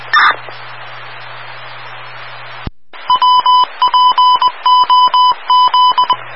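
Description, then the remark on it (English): A burst of hiss gives way to a steady run of about eight electronic phone tones from an unanswered phone call, each a short bright beep repeating in an even rhythm, clear with no one speaking. “No answer on the phone call and his voice box is full.”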